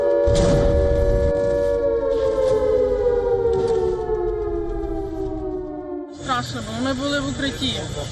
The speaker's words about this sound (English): Kyiv is once again under a barrage of missiles and drones. Buildings are damaged, emergency crews race through the capital as air raid sirens cut through the night.